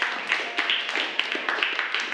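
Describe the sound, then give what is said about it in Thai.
A group of students clapping their hands together for a classmate at the teacher's request during a lesson, a steady, dense patter of overlapping claps with no talking, lasting about two seconds at an even, moderate loudness. “ขอเสียงปรบมือให้กับเพื่อนหน่อยนะครับ”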